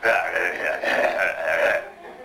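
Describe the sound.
A voice imitates the evil, sinister growl of Simon Weir, Martin Short's character in the film: a rough, guttural, drawn-out snarl that swells in three connected surges over about two seconds, then cuts off. No words are spoken.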